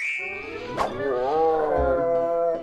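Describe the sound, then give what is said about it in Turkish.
A bear's drawn-out, moaning call, one continuous vocalization about two and a half seconds long, rich and tonal with a pitch that wavers and dips before trailing off. “Ayıcığın sesi.”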